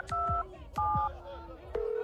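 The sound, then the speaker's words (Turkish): A telephone being dialed to call a hospital, with a few steady two-tone keypad beeps in quick succession, each a clear electronic tone, followed by the start of a ringback tone that goes unanswered; faint thumps sit underneath. “Hadi be kardeşim, aç şu telefonu. Yok, açılmıyor bir türlü.”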